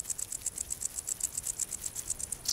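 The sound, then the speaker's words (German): A rapid, steady series of high-pitched ticking chirps from a wart-biter bush cricket rubbing its wings together, repeating evenly several times per second, fairly clear with no voices. “Nur an sonnigen Tagen ertönt das Konzert des Warzenbeißers.”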